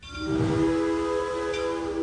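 A loud, sustained train whistle blows steadily for a couple of seconds, its layered harmonic tones ringing out with a low rumble underneath.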